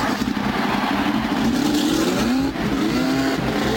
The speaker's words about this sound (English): Gentlemen, start your engine!